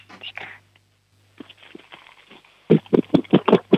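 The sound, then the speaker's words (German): Hollow plastic knocking as a 7-year-old girl strikes two plastic kitchen storage boxes together about eight times in a quick, fairly steady rhythm, loud, following a stretch of soft whispering. “Ja, dann hol da mal 2 raus und klopf sie so aneinander.”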